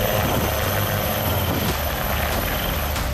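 Loud Army Dhruv helicopter with a steady rotor thump and constant engine roar filling the whole stretch, broad and unbroken, as army dogs slither down ropes from it from a height of 10 to 15 metres. No voices audible.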